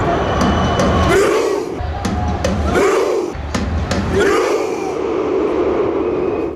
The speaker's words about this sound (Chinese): 我现在的位置呢是在达拉斯的 AT&T 球场，就在刚刚结束的比赛当中，挪威队2-1战胜了科特迪瓦队。大家听，现在就是现场版的挪威划船吼。